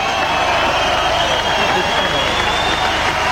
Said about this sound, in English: That's the crowd that I could see. It's a good crowd, the outdoor setup.